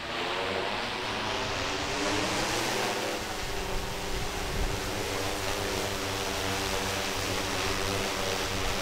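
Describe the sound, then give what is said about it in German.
A drone's propellers buzz steadily and loudly in flight, a continuous whine whose pitch rises and dips slightly as it moves, with no voices over it. “dass der weiß, dass heute eine Drohne im Einsatz ist.”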